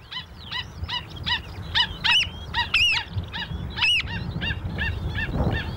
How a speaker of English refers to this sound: The South Island Pied Oyster Catcher, Poria